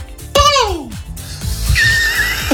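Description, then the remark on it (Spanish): A person mimics a peacock's call with a single loud, shrill cry that sweeps downward in pitch, followed by quieter, thinner vocal noises and a faint high whistle-like tone. “¿Tú sabes cómo hace el pavo real? Yo me viene a la mente un sonido como así, en plan...”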